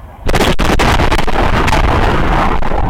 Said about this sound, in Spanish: Fue una explosión terrible, ¿sí? Evidentemente hubo una acumulación de gas importantísimo que hizo que esto explotara